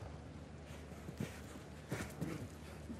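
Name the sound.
horse hooves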